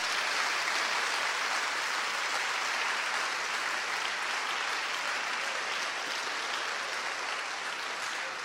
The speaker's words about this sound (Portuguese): Bom, vamos agradecer a Deus aí com um lindo aplauso.